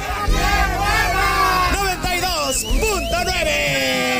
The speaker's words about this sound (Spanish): No se caen, pero nosotros nos despedimos con el grito de guerra. ¡Aquí suena!